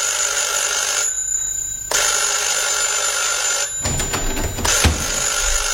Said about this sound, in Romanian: La întoarcere, asta s-a petrecut ieri, adică duminică spre seară, am auzit soneria telefonului încă de pe palier.